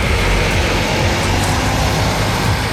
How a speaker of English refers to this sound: Elsewhere, last night in Merseyside, these buses bringing 20 people back home.